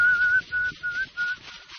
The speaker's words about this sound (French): L'homme siffle.